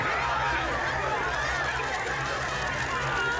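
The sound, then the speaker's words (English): A dense, steady chorus of croaking frogs, the plague of frogs on Egypt, many voices overlapping into a continuous chattering din with a low buzzing undertone, loud throughout. “Frogs.”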